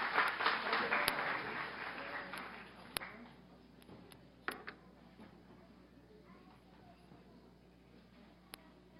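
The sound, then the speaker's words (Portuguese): Audience applause at an institutional honors award ceremony, a dense patter of many hands clapping that is loudest at the start and gradually thins and fades over several seconds, with a few sharp isolated claps. “Aplausos.”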